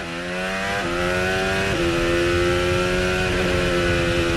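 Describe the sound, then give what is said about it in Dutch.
A racing car engine blares loud, its pitch sliding down and then leaping up twice in sharp steps as it downshifts through the gears while braking twice, recharging its battery to over half full. “Terugschakelen, batterij gaat weer half vol. Twee keer remmen, over half vol.”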